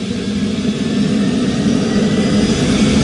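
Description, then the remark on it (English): A twin-engine rescue helicopter's turbine engine is fired up, a steady, loud rumble with a whining hiss layered on top that holds constant throughout, with no voices. “He's just firing up one of the engines. Now it's twin engine, so he's got two engines to start.”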